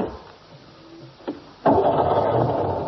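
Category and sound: vehicle, old car engine starting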